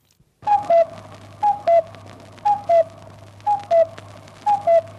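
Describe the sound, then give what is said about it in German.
A radio cuckoo signal, the "Kuckuck" air-raid warning heard on a Volksempfänger radio in Vienna during the Second World War, repeats five times: a two-note falling call, high then slightly lower, about once per second over a steady low hum and crackly broadcast noise. “Sie mussten aufgesucht werden, wenn dieses Signal im Volksempfänger erklang, der sogenannte Kuckuck.”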